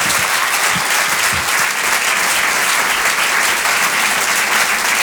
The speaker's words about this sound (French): Je vous demande de l'encourager et de l'applaudir très chaleureusement.